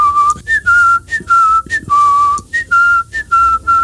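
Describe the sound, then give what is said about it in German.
A person whistles a simple, repeating melody, a song stuck in their head, with a window open, with clear pure tones sliding between a few notes in short phrases separated by brief breaths. No one talks. “Und das habe ich den ganzen Tag gepfiffen, offensichtlich mit offenem Fenster”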